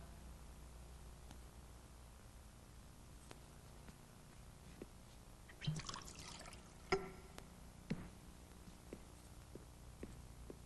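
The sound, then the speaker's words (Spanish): Water is poured briefly into a glass, a short liquid rush followed by a few light clinks and soft knocks; no one speaks. “¿Me pueden dar un poco de agua?”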